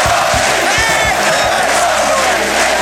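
A packed sports hall crowd at an ice hockey world championship roars with sustained cheering and applause as Czechoslovakia wins the title, a dense wall of crowd noise with shouts rising out of it, loud and continuous throughout.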